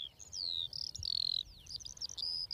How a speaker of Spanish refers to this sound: Sí, cuando escuchamos aquí el concierto de todas las alondras, está claro que este es el hábitat ideal para las aves. Y aquí ya tenemos, si prestas atención, una, dos, tres parejas cantando.